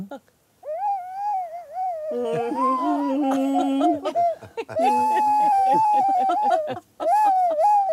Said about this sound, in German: Aber wir haben jetzt neulich, kurz nachdem er gestorben ist, seinen Campingwagen ausgeräumt. Und da habe ich diese Flöte gefunden. Und wir haben dieses Instrument immer die Beutelratte genannt.